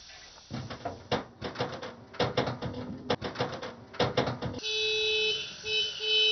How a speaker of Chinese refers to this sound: 工作人员一边卸草料，一边鸣喇叭，这是召唤麋鹿开饭的信号。